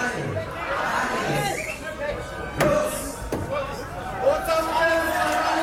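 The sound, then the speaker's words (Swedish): A large crowd at the opening of Oktoberfest in Munich, Germany, clamors with dense, overlapping voices and cheering, shouting "O'zapft is", punctuated by two sharp knocking bangs midway, with the noise swelling again toward the end. “Och saps is, skriker de.”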